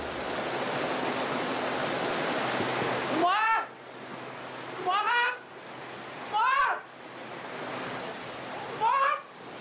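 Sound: heavy rain falling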